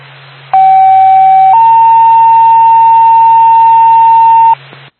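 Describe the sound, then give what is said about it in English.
A loud two-tone dispatch paging alert for an ambulance crew being sent to Carroll: a steady tone for about a second, then a slightly higher steady tone held for several seconds, over faint radio hiss and hum. “Twin City, Twin Mountain Ambulance, stand by for tone.”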